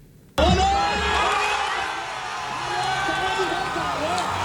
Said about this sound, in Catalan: Perquè amb aquests crits, milers de palestins des de Ramallah a Cisjordània celebraven els dos gols d'Egipte en el partit que estem explicant.